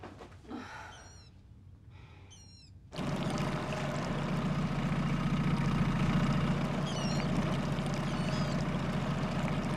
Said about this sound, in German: Hören Sie das? Das ist der Erregungsruf der Wasserralle.